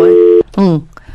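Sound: telephone busy tone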